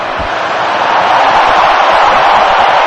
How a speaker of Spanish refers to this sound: Bueno, pues esa ovación es para el final de la cuenta atrás, para el kick-off del partido.